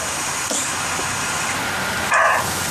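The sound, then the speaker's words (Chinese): A male roe deer, recorded by an outdoor camera, gives a single loud, hoarse bark near the end, a short harsh call rising out of a steady hiss of background noise with no other sounds around it. “这还没脱落呢， 这是个公的，那个 记得听那叫声，这还第一次录到狍子叫啊。”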